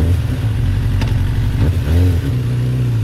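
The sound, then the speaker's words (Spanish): A motorcycle engine rumbles loudly, its steady low drone broken by a couple of quick revs that rise and fall in pitch, with no voices. “Perifoneo en moto.”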